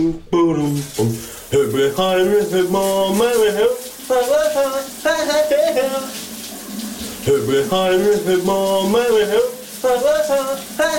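A man sings a wavering melody of a 1980s hit under a running shower for a guess-the-song segment on VLR radio, his voice fairly loud over a constant hiss of spraying water.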